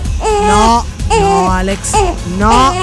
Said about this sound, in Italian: Te l'ho detto che non si piange.